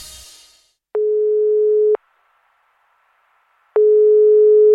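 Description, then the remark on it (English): A work phone's line ringing tone purrs twice before the voicemail answers, each steady electronic burst lasting about a second with a long silent pause between, loud and clear with no voices. “Hello, this is my mum's work phone. I've re-recorded her voicemail because I'm 8 and I've never had a holiday where she hasn't been distracted by work.”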